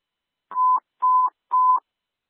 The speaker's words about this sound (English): Station 21, you can disregard your tones. Station 21, disregard your tones.